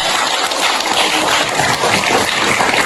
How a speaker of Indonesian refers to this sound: Tepuk tangan untuk beliaunya.